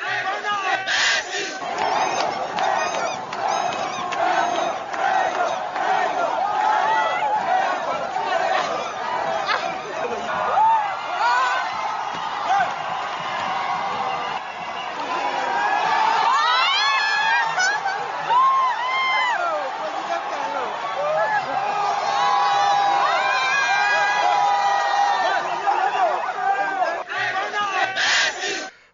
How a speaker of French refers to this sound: Patrice Talon a regagné son domicile et sur le chemin du retour, une foule de sympathisants a tenu à lui rendre hommage.